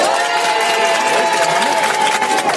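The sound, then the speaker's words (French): A crowd at an RTL radio event applauds and cheers loudly and steadily for a couple of seconds, voting by applause-meter for which song to play, dense clapping mixed with high shouts and whistles, with no talking over it. “On va faire l'applaudimètre. À l'applaudimètre.”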